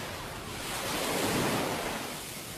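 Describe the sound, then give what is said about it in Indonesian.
Ocean surf washes in at Jikumarasa Beach on Buru Island, Maluku Province, Indonesia, with a broad, steady hiss that swells to a peak midway and eases off again, a continuous wave sound with a light wind rush and no voices. “inilah Pantai Jikumarasa di Pulau Buru, Provinsi Maluku.”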